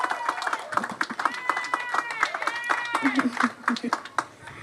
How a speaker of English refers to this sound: Could we please give him a round of applause? It's an amazing achievement.